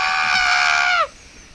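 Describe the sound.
A person imitates a chicken with one loud, shrill, drawn-out squawk lasting about a second, its pitch sagging at the end before cutting off into quiet.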